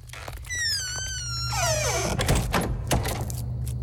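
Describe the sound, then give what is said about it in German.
A door swings shut with a long, high squeaky creak, followed by a few solid clunks as it is latched and bolted, moderately loud over a low steady hum. “Am besten, du bleibst gerade hier und wir machen die Tür auch wieder zu und verriegeln sie.”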